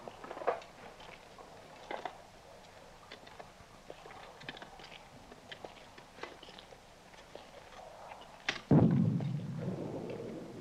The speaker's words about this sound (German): Horch mal. Artillerie. Aber noch sehr weit weg.